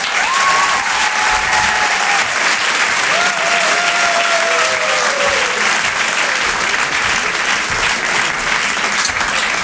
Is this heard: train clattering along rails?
no